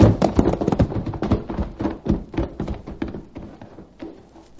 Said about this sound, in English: coming from what appeared to be a little house ahead of us, and which served to lend wings to our horses' pounding hooves.